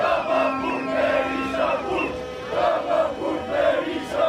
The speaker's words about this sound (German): Und dann gibt's noch immer diesen Sprechchor.